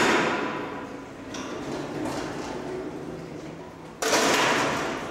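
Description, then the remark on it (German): A heavy animal enclosure door slides and shuts with one abrupt, loud clunk near the end, after a few seconds of steady rumbling and scraping noise, as an animal keeper closes it. “So, die Tür ist auch zu.”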